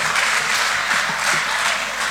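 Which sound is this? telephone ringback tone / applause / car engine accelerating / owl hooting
applause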